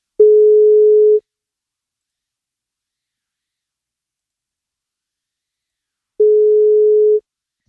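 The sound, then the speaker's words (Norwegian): A steady telephone ringback tone sounds twice, each pulse about a second long with a long silent gap between them, clear with no one speaking, as radio station EnFM places a wake-up call to a listener on her 42nd birthday. “Hun får kake på 42-årsdagen sin, hvis hun tar telefonen.”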